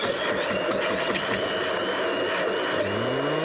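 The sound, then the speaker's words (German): An immersion blender runs steadily in a kitchen with a loud, buzzing motor whine and gritty churning, its pitch shifting upward near the end as the load changes. “So, dann wichtigstes Gerät in der Küche, der Pürierstab.”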